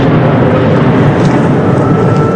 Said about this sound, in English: And that was a Russian drone strike not too far away. I recorded that on my phone. These jet-powered drones move very fast. It's hard for Ukraine's air defenses to shoot them down.